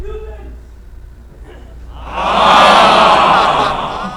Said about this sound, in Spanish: Así que los abucheos, quiero oírlos.